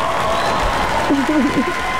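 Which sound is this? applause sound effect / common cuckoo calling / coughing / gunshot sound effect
applause sound effect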